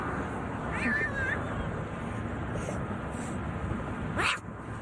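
A little black kitten meows unhappily twice while being picked up from the median of a busy highway in New York City, a wavering cry near the start and a sharper, rising one near the end, over steady rushing traffic noise.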